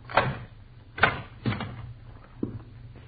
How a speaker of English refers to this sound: Come on in. Close that door.